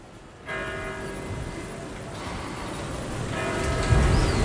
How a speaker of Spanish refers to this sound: Son las 8. Mira, escucha las campanas.